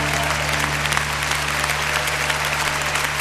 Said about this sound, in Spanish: ¿Cómo levantas un aplauso al Señor en esta tarde?